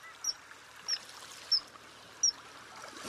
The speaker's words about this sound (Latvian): zilu bultu pašaujamies garām, un bieži vien arī izdodot īpaši tādu spalgu skaņu, pēc kā to var arī atpazīt, nu pat viņu arī neieraugot. Tā kā noteikti iesaku ieklausīties, kā atpazīt zivju dzenīti, un tad noteikti pēc tam var arī meklēt, kur viņš ir.